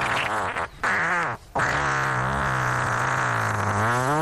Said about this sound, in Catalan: O sigui, aquest és com... És un pet irlandès. Fixeu-vos, No sé si vols tornar a posar, però hi ha una introducció, hi ha un nus i hi ha un desenllaç. Fixeu-vos. Introducció, nus... I quan sembla que no, desenllaç.